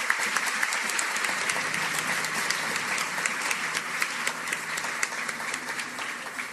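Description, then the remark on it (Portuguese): Sustained applause from an audience at a night event in the town of Tobias Barreto, a dense steady wash of many hands clapping with scattered sharper claps standing out, holding at an even loudness throughout; a warm round of applause for a costumed group representing the town's roots of faith. “Então, eu gostaria de pedir para eles uma calorosa salva de palmas.”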